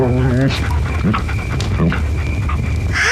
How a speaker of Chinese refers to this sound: 这两只獒犬好聪明，好像听懂了呢。